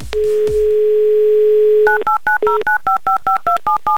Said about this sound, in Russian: Итак, номер набрали, звоним далеко, в Архангельск.